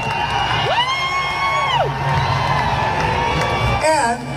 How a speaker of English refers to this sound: which then got a lot of boos and some fans leaving, which then he ended up calling out the crowd.